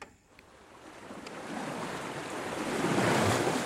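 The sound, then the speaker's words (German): Ocean surf rushes in as a broad, hissing wash that swells steadily louder over a few seconds, with a windy roar underneath and no voices. “Es gibt ja Leute, die können, wenn sie am Meer sitzen, so ihre Gedanken baumeln lassen.”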